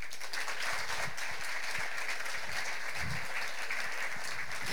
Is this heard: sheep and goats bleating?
no